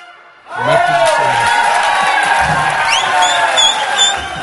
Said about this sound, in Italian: Non so se l'applauso era per voi o per noi che siamo riusciti a trovarlo in questo preciso istante del momento dove avete suonato.